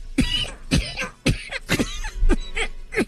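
A fairly loud run of about six coughs in quick succession, each a short harsh burst with brief pauses between, and no talking.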